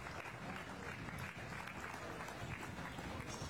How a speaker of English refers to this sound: Some of these calves didn't work quite as well as we'd like to see for them, but overall still an awfully good group. Let's give all these a round of applause, and we'll bring these four back for the overall champion.